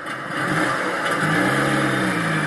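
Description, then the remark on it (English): A petrol car engine revs up, its pitch climbing and holding in a loud, steady roar for a couple of seconds, with no voices over it. “The response, for increasing numbers here and across Europe, is to reject net zero, rev up defensively their petrol cars, and applaud politicians who tell them noisily that the Green Revolution is not the road to take.”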